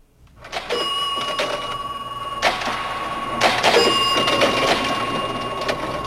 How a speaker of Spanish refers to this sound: Ya tenemos ganador o ganadora, terminación 16, que dice que es una caja registradora. Efectivamente, una caja registradora.